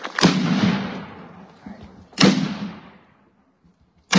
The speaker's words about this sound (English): A three-cannon salute from the New Ulm Battery helped honor World War II Medal of Honor recipient Willibald C. Bianchi.